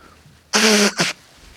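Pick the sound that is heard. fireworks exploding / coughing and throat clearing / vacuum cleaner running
coughing and throat clearing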